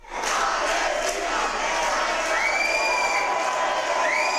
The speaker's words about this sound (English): Pro-Palestinian activists chant and cheer before being subdued by Spanish police after they returned to their country.